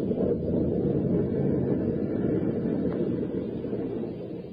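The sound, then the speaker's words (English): Storm wind roars steadily aboard a boat at sea, a dense, low, rumbling rush that stays loud and constant throughout, with no voices. “A mad killer lurked in the shadows aboard a storm-tossed boat.”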